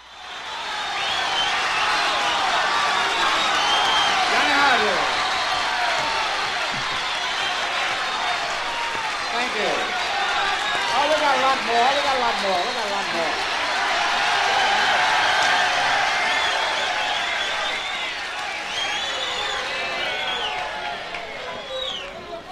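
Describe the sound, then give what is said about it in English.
A dense, steady roar of a large audience at a live concert, captured on the original recording during a solo, fills the whole stretch, with scattered shouts, whoops and clapping rising out of the din, loud and unbroken from start to finish. “As a result, the original recording of this has an enormous amount of crowd noise, and it makes it all the more exciting.”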